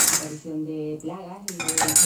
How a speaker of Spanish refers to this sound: Hay un sonido así como constante de fondo, todo el rato, por todas partes. Por una parte suenan tenedores, suenan también cucharas, vuelan cuchillos, una tos seca y de fondo una cisterna.